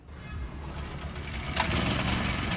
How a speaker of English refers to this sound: I only turn on the generator when I need to blend. Fuel is expensive now, and the lack of electricity makes everything much harder.